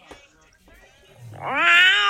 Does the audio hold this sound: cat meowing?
yes